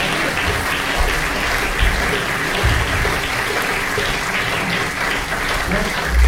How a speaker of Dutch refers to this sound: Grote applaus nog.